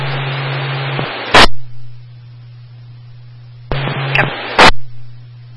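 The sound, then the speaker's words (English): Two bursts of harsh radio static, each opening with a low hum and ending in a sharp, loud crackle, separated by a few seconds of quiet background hiss. “Last unit, yes, static.”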